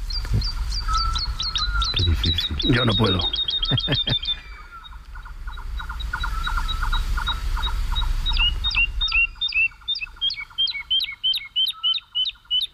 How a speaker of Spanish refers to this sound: Está amaneciendo en los campos de Daimiel. Y la totobía está, es una alondra, la alondra de bosque, la totobía está volando arriba, aleteando frenéticamente y cantando. Es como si nosotros pudiéramos correr y cantar a la vez sin jadear.